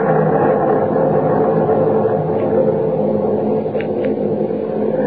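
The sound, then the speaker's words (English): A deep, heavy rumble of thunder from a breaking storm rolls on steadily for several seconds, loud, with no sharp crack and no voices. “Storm's breaking.”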